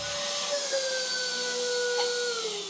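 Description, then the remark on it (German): An old vacuum cleaner runs steadily, blowing out a lot of dust, a loud motor whine with a high harmonic tone that slowly drifts lower, no voices over it. “Der alte Staubsauger kommt in der Präsentation nicht gut weg. Hier fliegt ja auch eine Menge raus.”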